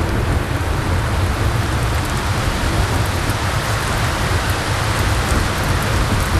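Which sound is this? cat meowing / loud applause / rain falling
rain falling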